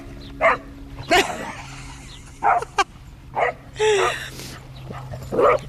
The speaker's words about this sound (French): Vous voulez dire votre chien, là? En train de jouer. C'est un moment paisible, de bonheur, de simplicité.